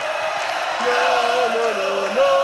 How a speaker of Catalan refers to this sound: Ara fotografia de família a dalt de l'escenari d'esquenes a l'afició, per tant, per agafar aquest pla de tota l'avinguda Maria Cristina, que no és plena fins ball, però déu-n'hi-do la gentada que hi ha. Crits de campiones, campiones.